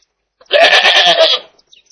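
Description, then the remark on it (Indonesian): A single goat bleat, loud, lasting about a second with a wavering, nasal tone, then quiet. “Suara kambing mirip dengan suara domba ya teman-teman.”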